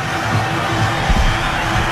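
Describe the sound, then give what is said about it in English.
A crowd of 11,579 at an Athletics baseball game roars in a steady, dense wash of cheering and chatter as Drew Rahm takes over pitching, with a brief low swell of noise partway through and no clear single voice. “This crowd of 11,579, they're into it here.”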